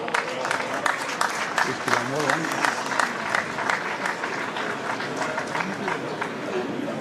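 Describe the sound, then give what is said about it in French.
A crowd of spectators at a pétanque tournament applauds steadily while the quarter-finals are played simultaneously in the carré d'honneur, a dense, even crackle of many hands clapping throughout, with a voice briefly audible beneath the clapping. “Un petit élément de contexte, hein, si vous entendez quelques applaudissements et quelques coup de foudre, c'est parce que les quarts de finale se jouent en simultané, tous dans ce carré d'honneur.”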